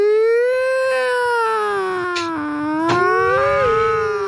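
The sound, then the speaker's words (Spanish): A single voice wails a long, sustained siren-like tone that glides slowly down and back up, imitating an ambulance siren, loud throughout with no words spoken. “Claro, tocar para decir ambulancia.”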